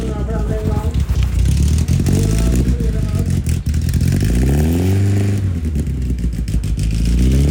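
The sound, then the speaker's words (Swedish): Several folkrace rally car engines rumble loudly in Lycksele during a big motor week, revving and rising in pitch in overlapping waves, with clattering mechanical noise over a constant deep roar. “Folkracebilar i fokus idag då det är stor motorvecka och alltså vilken otrolig stämning och gött folk det.”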